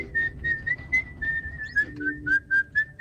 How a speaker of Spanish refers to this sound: ¿Vos escuchás? Vos escuchaste el silbido y es Kill Bill.